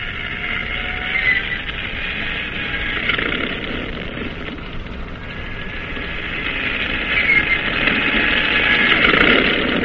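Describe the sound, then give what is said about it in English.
The propeller engine of a plane on a cruiser's catapult is started and runs steadily, a loud, continuous droning roar with a buzzing hum that swells slightly toward the end. No voices are heard. “Star engine. Stand clear. Turn over.”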